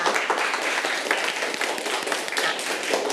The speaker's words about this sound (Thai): ปรบมือให้กับกลุ่มที่1ค่ะ